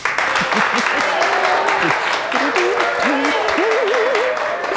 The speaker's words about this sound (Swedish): Hela redaktionen jublar.